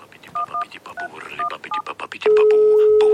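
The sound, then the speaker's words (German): A mobile phone ringtone plays a modern Swiss yodel: a warbling sung voice mixed with quick electronic keypad beeps, ending in a loud, steady electronic tone. “Mit meinem Handy-Klingelton. Das ist ein moderner Jodler aus der Schweiz, der sich im Original so anhört.”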